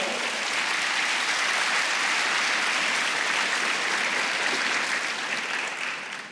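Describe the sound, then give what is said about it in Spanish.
A church audience applauds God loudly and steadily, a dense wash of clapping that holds for several seconds before beginning to thin out at the end. “Dale un aplauso a Dios fuerte.”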